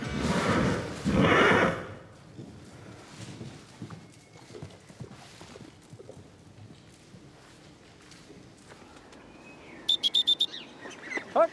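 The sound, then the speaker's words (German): A horse whinnies loudly at the start, then hooves clop irregularly on hard ground, with a few short, sharp bird-like calls near the end. “Von Isabel will sie lernen, neu auf ihr Pferd zuzugehen.”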